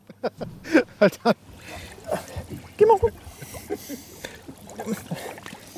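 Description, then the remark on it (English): A small boat sloshes and scrapes through shallow, muddy water in a sewage treatment pond, with irregular splashes and wet churning, while voices call out briefly over the water noise. “Hold on to the boat.”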